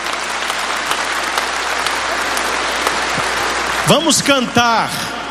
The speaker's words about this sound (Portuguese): Vamos acolher a palavra no nosso coração com a bonita salva de palmas.